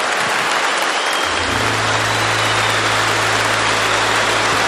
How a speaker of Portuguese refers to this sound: Vamos aplaudir os casais. Deus abençoe.